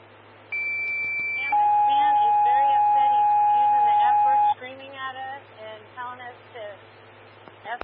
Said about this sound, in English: 14, standby for tones on call 2 motor vehicle collision.